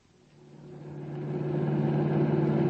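A car engine hums steadily and swells louder as it speeds along at 90 with the pedal only halfway to the floor. A continuous mid-pitched drone with rushing road noise builds over a few seconds.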